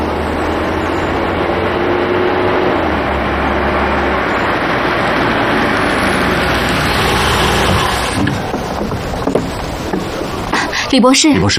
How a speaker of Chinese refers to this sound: 哎，车来了。